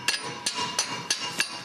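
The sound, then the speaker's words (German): A hammer knocks on a stuck metal bolt to loosen it, in sharp, ringing strikes, about five blows spaced roughly every third of a second, moderately loud with no talking. “Klopft man da drüben, ob der sich ein bisschen löst, der Bolzen.”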